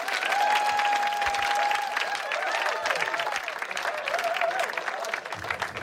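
An audience applauds three performers steadily, a dense wash of clapping that holds fairly loud for about six seconds, with a thin, sustained whistle-like tone rising above it partway through.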